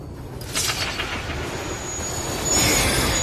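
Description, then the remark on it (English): A train rushes past a station platform in a Daredevil scene, a loud, steady roar of rumbling wheels with a thin metallic squeal riding on top that swells toward the end. “A train's chaotic sound wave shows several outlines of Quesada peeking out with his gun.”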